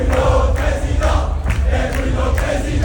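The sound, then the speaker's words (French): A loud crowd of young Retailleau supporters at the Parc Floral chants the song 'Ousmane Ballon d'Or' with altered lyrics, in a steady, rhythmic pulse, voices blending into a continuous roar with regular swells. “Oui, ils ont modifié les paroles de Ousmane Ballon d'Or, parce que les jeunes avec Retailleau, ce sont des fifous.”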